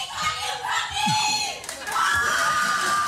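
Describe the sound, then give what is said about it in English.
A crowd screams and cheers loudly and continuously, with high-pitched shrieks rising above a dense wall of audience noise for the whole three seconds. “That's, we rarely have when people come out and they come out loud.”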